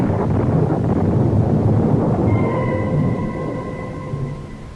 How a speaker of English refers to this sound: But again the clouds are gathering, the storm is at my heels.